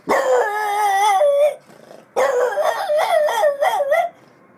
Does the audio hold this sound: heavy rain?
no